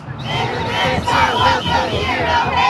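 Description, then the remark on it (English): More than 100 protesters near the U.S. Immigration and Customs Enforcement West Side office in Indianapolis chant and yell together while blowing whistles, a dense, steady roar of many raised voices with rhythmic surges in the shouting throughout. “For hours, they blew whistles, yelled chants, and held signs that said things like ICE out.”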